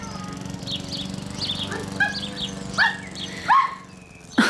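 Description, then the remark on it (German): A dog barks in a quick series of sharp yaps that come faster and louder toward the end, over a steady low background hum, with faint chirpy sounds earlier on. “Ja, ganz schön lebhaft. Wie halten Sie denn das aus mit dem Hund?”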